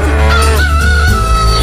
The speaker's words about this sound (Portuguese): O galo cantou. Canta, Godofredo. O galo cantou.